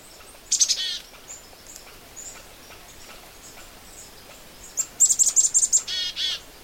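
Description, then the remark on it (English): A black-capped chickadee calls: a brief high burst early on, then a rapid run of buzzy chick-a-dee-dee notes near the end, with faint birdsong in the background. “That, of course, is the sound of the black-capped chickadee.”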